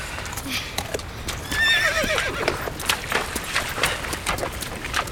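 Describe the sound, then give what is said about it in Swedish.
Horses being led down to a river to drink: one lets out a shrill, wavering whinny partway through, while hooves clip-clop in a steady, uneven patter throughout, clear over a faint outdoor background. “Hästarna behövde dricka, så vi ledde ner dem till floden.”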